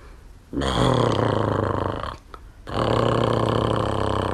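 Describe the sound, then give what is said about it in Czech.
A voice imitates loud snoring like Ferda snoring in a stable: two long, rough, rumbling snorts, the first about a second and a half, then a short breathy gap before a second sustained, buzzing snore. “Jako když Ferda v maštali začne chrápat.”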